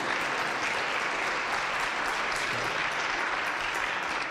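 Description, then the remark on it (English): Steady, dense applause from a crowd, many hands clapping at once in a continuous wash of noise that holds an even loudness for several seconds without pausing. “So next, oh, you can clap for that.”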